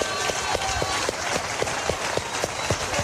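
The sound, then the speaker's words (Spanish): A crowd applauds in praise of God, steadily, a dense wash of many hands clapping with a few sharper claps standing out in a loose rhythm, holding at an even, fairly loud level throughout. “¿Cuánto le doy el aplauso grande a ese papá que nosotros tenemos?”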